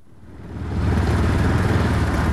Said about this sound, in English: I traveled for hours on the back of a motorcycle to Nepal's southern plains